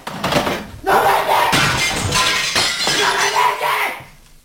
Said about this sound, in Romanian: Domnule, ce-ați făcut? Domnule, de ce ați spart geamul? Dar ce v-a făcut geamul, domnule? Ce aveți cu geamul?